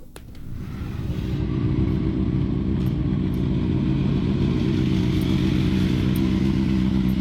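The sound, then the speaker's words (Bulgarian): Motorcycle engines of hundreds of bikers roar and rev continuously in Varna, Bulgaria, at the opening of the 2026 motorcycle season, a loud rumbling wall of sound that builds in the first second and then holds steady with overlapping throttle surges. “А по улиците на Варна моторният рев е все по-често срещан.”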